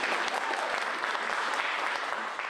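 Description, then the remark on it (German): Steady audience applause for dancers after a Liszt waltz, a dense wash of many hands clapping at an even, sustained loudness for a couple of seconds with no voices standing out. “Nein, die verdienen den Applaus, die Tänzer.”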